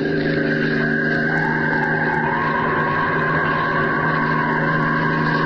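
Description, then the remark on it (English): A car engine roars steadily at high speed as the car speeds away in a chase, its pitch sliding slightly as it races along, with a constant loud drone filling the whole stretch and no voices. “All right, your car is fast, but Superman is faster. Here I come after you.”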